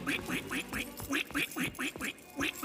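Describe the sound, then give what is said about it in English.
A voice imitates a duck with a rapid, steady string of about ten nasal quacks, fairly loud, with no other talking; the Great Storm Unicorn character shows it can speak 'duck', one of the tongues of Centopia. “Duck.”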